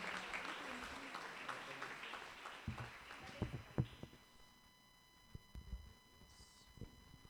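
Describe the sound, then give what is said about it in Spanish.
A church audience applauds loudly at an evening service to welcome their pastor and bless the name of the Lord, dense clapping that peaks early and then thins into scattered claps over several seconds, with faint voices underneath. “Con un fuerte aplauso, bendigamos el nombre del Señor y la vida de nuestro pastor.”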